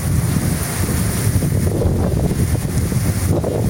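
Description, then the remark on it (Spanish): Heavy rain pours down in Jamundí in a loud, steady roar, a dense rushing wash of sound with a deep rumbling low end and no voices. “Llueve durísimo en Jamundí, ve. Escuchen eso.”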